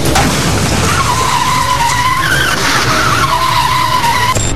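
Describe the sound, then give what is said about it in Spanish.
A red car parked on an avenue is dragged several meters along the pavement by a moving truck whose open rear door hooked its windshield, its tires skidding with a loud, continuous screech and metallic scraping that wavers in pitch for several seconds under steady road noise. “La puerta queda enganchada en el parabrisas del vehículo, provocando que la unidad sea arrastrada por varios metros.”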